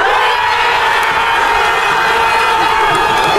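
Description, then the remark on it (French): A large New York stadium crowd roars in celebration of Dan Ndoye's 67th-minute equalising goal in a football match against Argentina, a loud, sustained wall of cheering and shouting that holds steady throughout with no pauses. “Et quand Dan Ndoye égalise à la 67e minute, la foule new-yorkaise est en délire.”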